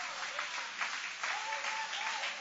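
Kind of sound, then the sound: crowd, audience applauding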